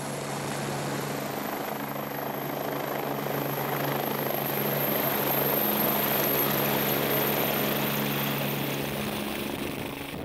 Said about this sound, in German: Die Lawinenhunde müssen sich an Heliflüge gewöhnen, denn bei Rettungen ist der Hubschrauber oft das einzige Fortbewegungsmittel, um in schwer erreichbare Einsatzgebiete zu gelangen.